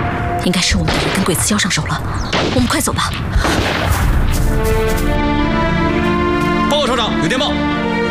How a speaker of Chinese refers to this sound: 姐，前面有枪声。